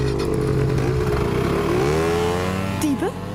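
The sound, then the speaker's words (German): Small scooter engines rev loudly, their pitch rising and sliding as the scooters pull away, with a brief sharp whine near the end and a faint voice mixed in. “Auf die Roller. Beeilt euch.”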